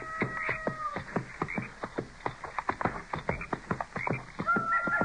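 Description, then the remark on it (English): Coyotes howling from around the river bluffs by the bend, with wavering high-pitched harmonic calls at the start and end and a dense run of rapid, sharp yips in between. No one speaks. “You know, it sounds to me like most of those coyotes are up around those river bluffs there by the bend.”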